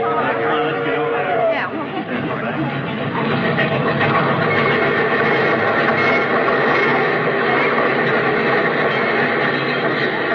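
Train number 31 rumbles steadily into a busy station on track 3, its loud continuous noise mixed with the murmur of a crowd and indistinct chatter throughout.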